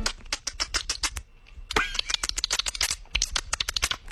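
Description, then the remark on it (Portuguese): A voice imitates dolphin sounds with the mouth: rapid, sharp clicking bursts in quick irregular trains, broken briefly by a short squeaky whistle-like sweep, fairly loud, with no speech. “Ele tá fazendo o barulho do golfinho com a boca, gente.”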